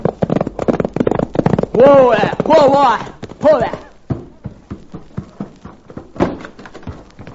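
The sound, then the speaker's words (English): Rapid hoofbeats of a pony galloping home as its rider spurs it on, in a steady drumming rhythm, briefly overlaid early on by a loud, wavering cry before the hooves continue alone. “suddenly saw something which caused him to rake his spurs over his pony's flanks and come racing home.”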